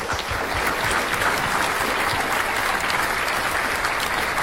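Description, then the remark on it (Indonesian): Steady, dense applause from an audience for quiz team Regu A, many hands clapping at once in a continuous bright wash that holds an even loudness throughout, with no voices over it. “Ya, beri tepuk tangan untuk Regu A.”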